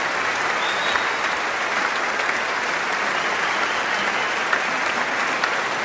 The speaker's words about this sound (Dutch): Maar is er wat meer applaus?